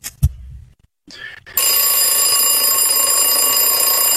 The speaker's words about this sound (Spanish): El despertador el día de hoy.